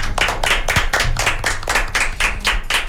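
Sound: audience clapping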